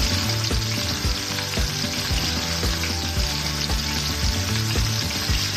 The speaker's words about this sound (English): Now we're going to cook the chicken, okay? We're going to do a couple good glugs of olive oil here.